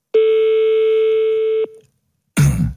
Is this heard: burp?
no